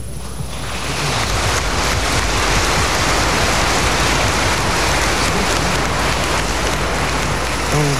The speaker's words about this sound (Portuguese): Obrigado pelas palmas e obrigado pela acolhida, mas não acabou ainda não, tá?